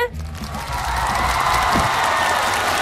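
A crowd bursts into loud, sustained applause welcoming Huai opera artist Chen Chen at the China Media Group's first Xiqu Zhi Yin opera conference, Hechai station city tour event. Dense clapping swells within the first half-second and holds steady, with some cheering mixed in and a brief tonal sound at the very start.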